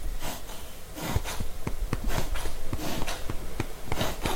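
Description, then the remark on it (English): A pet hacks and retches as if bringing up a hairball, a rapid run of harsh, breathy spasms repeating in an uneven rhythm with no voices. “He's coughing.”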